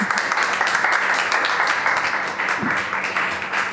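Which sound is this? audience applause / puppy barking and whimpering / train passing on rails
audience applause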